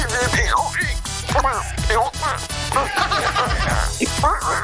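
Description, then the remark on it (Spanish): A person does a squawky, nasal, garbled cartoon-duck voice, sputtering in quick warbling bursts for several seconds, loud over a steady backing bed. “No sé, tampoco se parece al Pato Donald.”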